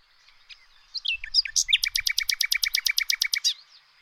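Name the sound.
nightingale song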